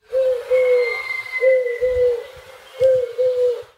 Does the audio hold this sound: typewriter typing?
no